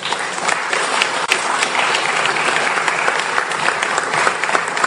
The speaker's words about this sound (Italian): Allora, grazie. Sì, intanto l'applauso era per il Presidente, non per me.